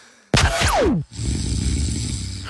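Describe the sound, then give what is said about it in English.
A loud, strained snore: a harsh, abrupt intake with a falling whistle, then after a brief break a long, ragged, rattling snort. No voices. “That's snore, struggling.”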